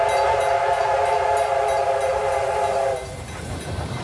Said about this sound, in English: 3526, which was built in 1917, is the last of the C35 class locomotives.